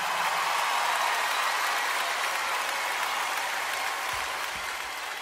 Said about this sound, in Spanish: Un aplauso para él, por favor.